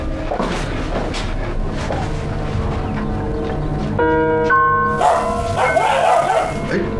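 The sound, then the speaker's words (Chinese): A dog barks at arriving guests several times in quick, uneven, loud bursts near the start, followed by ringing, bell-like tones and some household clatter. “我老实点，再叫我给你炖了。”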